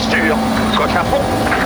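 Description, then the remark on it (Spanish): A loud, steady engine drone holds throughout with a constant low hum: Adrián Formó's rally car on a WRC Junior stage, while a voice talks over it. “Este es el auto de Adrián Formó.”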